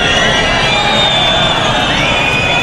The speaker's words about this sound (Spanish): Pitidos y abucheos durante el acto de jura de bandera en Baeza, en Jaén, después de que el ministro no acudiese al funeral de los dos agentes fallecidos.